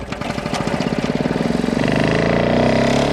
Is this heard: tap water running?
no